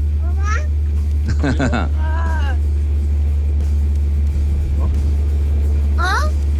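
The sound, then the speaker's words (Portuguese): A steady, loud low rumble of a car engine and road noise from inside a moving car driving children to school in traffic on a rainy day in Interlagos, with the children's high voices chattering and squealing in short bursts over it. “levando as crianças aqui para a escola, nesse trânsito, dia chuvoso.”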